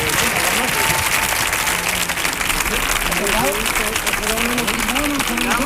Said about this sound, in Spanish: ¡Fuerte el aplauso para los cuatro! ¡Vamos allá!